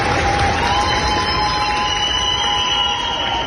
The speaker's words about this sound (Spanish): Equipos de España, Chile o México, solo por citar algunos, se marchan con la satisfacción de haber puesto su grano de arena y así son ovacionados en el aeropuerto de Valencia cuando se marchan.